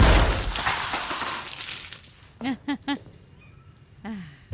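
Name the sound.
single gunshot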